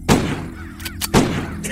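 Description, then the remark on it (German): Two sharp pistol shots ring out about a second apart, each loud with a short booming tail, over a low steady background and no talking. The pistol is being fired at crows, and the shots miss. “der nun die Pistole entgegennahm und es seinem Freund gleich tat. Auch er traf nach einigen Versuchen eine Krähe”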